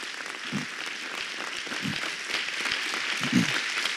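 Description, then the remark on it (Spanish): A church audience in Argentina applauds steadily in thanks to God, many hands clapping in a dense, continuous wash with a few louder claps standing out, sustained for several seconds with no voices. “Démosle un fuerte aplauso de agradecimiento a Papito Dios.”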